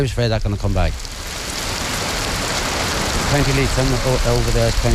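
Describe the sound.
Steady rain hisses outdoors at the Irish border throughout, a dense, even wash of noise. A voice speaks briefly at the start and again near the end over the rain.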